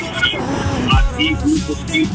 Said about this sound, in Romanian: Mamă, da, se aude atât de rău. Mai zi o dată și dacă poți direct în telefon, pentru că mai tare se aude zgomotul din mașină decât vocea ta.